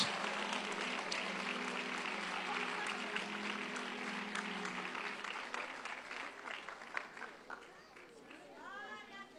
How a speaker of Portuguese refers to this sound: Quem pode aplaudir ao Senhor? Mais forte os aplausos.